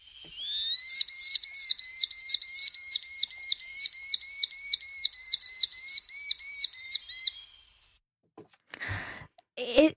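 A white-breasted nuthatch, recorded in the greater Montreal area of southern Quebec, calls in a fast, even series of about two dozen nasal, mid-high notes over roughly seven seconds, then falls silent before a few brief rustling bumps.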